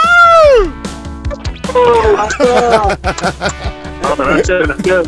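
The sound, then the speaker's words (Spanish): A few voices of radio contest winners of a quadruple pass to Charros de Jalisco shout and whoop loudly and excitedly. It starts with a high rising yell and continues in energetic bursts of cheering over about five seconds. “Aviéntense un gritito o algo para que se sienta la emoción.”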